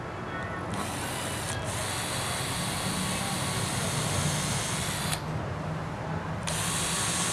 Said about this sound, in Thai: อันนี้เราก็เจาะทีเดียวก่อนอย่าเพิ่งยึดเจาะว่าเราก็ดูตัวอย่างเป็นหลักครับว่ามันต้องเจาะฝั่งไหนนะครับ